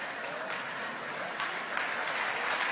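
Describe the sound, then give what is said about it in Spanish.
Steady applause from an audience, a dense wash of many hands clapping at moderate volume throughout, with a faint voice briefly audible beneath it. “Ay, hay mujeres que no están aplaudiendo.”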